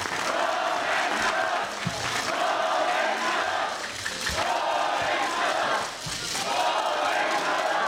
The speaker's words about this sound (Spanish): En estos momentos hace uso de la voz el gobernador del estado de Zacatecas, el licenciado David Monreal Ávila. Fuerte el aplauso de todos a una sola voz. ¡Gobernador!